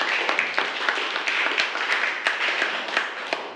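A group applauds steadily, with many overlapping hand claps forming a dense, continuous patter that carries through the whole stretch at moderate loudness, without any talking.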